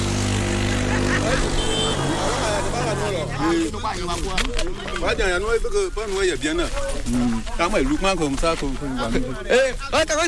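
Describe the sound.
Several motorcycles drone past near a farmer's plot for the first few seconds, one carrying about 200 kilos toward the border some 7 kilometres away; their buzzing hum rises and shifts as they pass, then fades beneath people talking for the rest.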